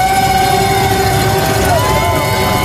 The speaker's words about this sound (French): Ça réveille. Ah ouais, vous l'entendez, tout est permis, casseroles, percussions, sifflets et j'en passe.